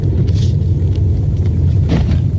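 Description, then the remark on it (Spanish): A car rolls along the Vía Sarmiento, a busy secondary road leading to Cuenca, with a steady, heavy low rumble, then a brief jolting thud near the end as it drops into a large pothole, heard from inside the vehicle. “Ahí cayó un tremendo hueco.”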